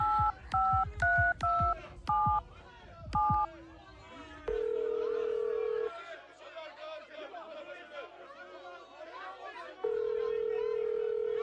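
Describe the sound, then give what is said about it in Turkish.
A woman dials a phone with a quick series of beeping touch-tone keypresses, then long steady ringback tones sound twice with a pause between as she lets it ring out with no answer, over a murmur of background chatter. “Ay sonuna kadar çaldırdım. Açmıyor telefonu.”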